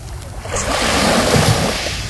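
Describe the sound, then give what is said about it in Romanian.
Sea waves wash onto the shore in a steady, broad rush of surf, swelling slightly in the middle of the short stretch, with no voices present. “expediat un filmuleț direct de pe litoral, Liliana. Ia. Doamne, am ajuns în paradis. Terapie pură în căști.”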